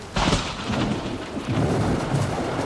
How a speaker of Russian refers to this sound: Хотя гром трещал по-прежнему, и молния полосовала все небо. Гроза хорошая.